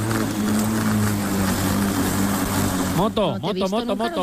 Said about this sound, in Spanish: También es muy divertido cortar el césped. Este es el cortacésped, hay que tenerlo bien preparado para la piscina.